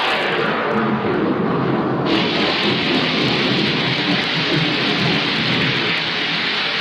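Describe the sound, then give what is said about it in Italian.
Heavy rain pours down steadily and loudly, with a low rumble of thunder rolling underneath throughout. No voices are heard. “Potrebbe essere peggio. E come? Potrebbe piovere.”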